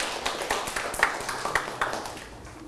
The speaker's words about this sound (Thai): ปรบมือให้ตนเองอีกครั้งครับลูก